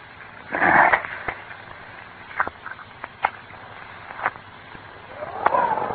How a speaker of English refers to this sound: Damn it. Where did that wind come from? It blew the light right out.